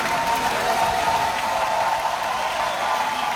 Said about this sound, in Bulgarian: Публиката ставаше на крака, за да аплодира българската певица след края на всяка песен.